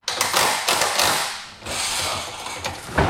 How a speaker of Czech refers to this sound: Místo houslí nebo klavíru se barokní zahradou Českokrumlovského zámku ozývají zvuky kladiv a vrtaček.